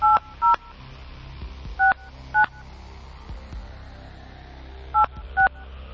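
Six short keypad beeps of a phone being dialed, each a bright dual-pitched tone, arriving in three quick pairs separated by pauses over a low background hum.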